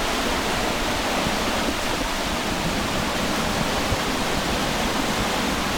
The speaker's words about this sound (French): Alors si on va un peu plus loin, il y a un saut, une cascade, enfin une sorte de... Ouais. C'est super beau.